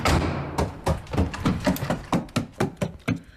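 Repeated knocking thuds and rattles as a stuck door is pushed and shaken while the key in its lock will not turn, about a dozen uneven bangs in quick succession, fairly loud, with no voices.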